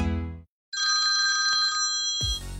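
A loud telephone bell rings in one sustained trilling burst of about a second and a half, after a brief pause following a fading tonal sound, before another sound abruptly begins.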